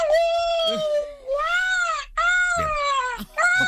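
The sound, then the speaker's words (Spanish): A person imitates a great black-backed gull's deep, wailing call, giving about three long, nasal cries in close succession, each drawn out and slightly rising then falling, loud with no other talk. “Gavión atlántico.”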